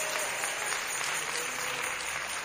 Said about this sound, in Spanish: Démosle un fuerte aplauso al Rey. Gloria a Dios.